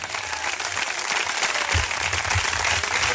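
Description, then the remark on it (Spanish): An audience applauds Christ steadily, a dense wash of many hands clapping at once, fairly loud and without pause, with some low rumble underneath. “Si ese aplauso es para Él, déselo con todo el corazón.”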